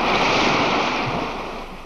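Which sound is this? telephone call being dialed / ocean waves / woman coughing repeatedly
ocean waves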